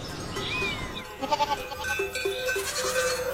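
A goat bleats in a wavering, quavering cry that pulses several times, clear over a faint outdoor background, with a brief high chirp near the start.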